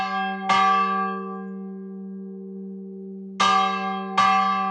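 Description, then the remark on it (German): Three heavy, loud clangs of a 780-kilogram steel church bell in the small village of Wölbersbach, between Frankenwald and Fichtelgebirge, its clapper swung by hand with great force on a Sunday at 8:15, each with a long ringing hum that lingers between strikes; the last two come closer together. “Jeden Sonntag um 8:15 setzt er seine Lärmschutzkopfhörer auf und schwingt dann mit viel Kraft den Klöppel der Kirchenglocke von Wölbersbach.”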